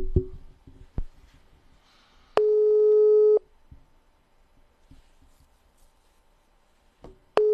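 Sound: telephone call tone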